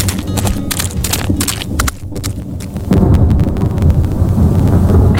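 Thunder rumbles low and steadily before rain falls, a deep rolling roar that swells louder about halfway through and stays heavy to the end, with no voices.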